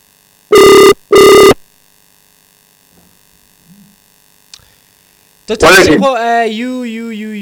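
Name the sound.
phone call ringing tone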